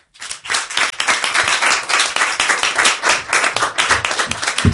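A comedy show crowd applauds steadily and loudly as the next comedian is called up, a dense wash of many hands clapping that holds strong for several seconds without any talking.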